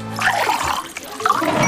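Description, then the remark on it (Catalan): Fontvella water pours steadily into a glass for a toast for a second or two, a bright splashing trickle that fills the whole short moment without any voices. “Però brindes amb aigua?”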